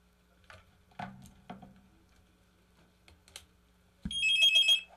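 A telephone gives a single short, bright electronic trill for an incoming call near the end, following a few scattered clicks like keyboard taps. The ring is loud, with no talking.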